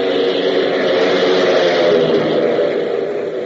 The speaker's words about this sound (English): But meanwhile, several hundred miles to the south, a large, ungainly, box-like plane lumbers across a cleared field and, gaining speed, finally roars into the air, heading due south.